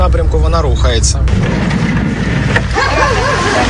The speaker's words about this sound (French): Et le bip constant là, que vous entendez, c'est la machine qui sert à détecter les drones. C'est en quelque sorte nos yeux à chaque mission. Elle repère les drones et dans quelle direction ils se déplacent.